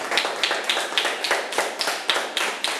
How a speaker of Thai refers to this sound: เก่งมากครับปรบมือครับ